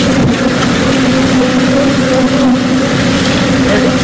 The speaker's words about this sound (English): is what it sounds like when your semi-truck filled with over a million bees in beehives overturns on a highway in Texas, and they have to come and help you. That's actual sound from the scene in Texas when a semi-truck filled with beehives tips over.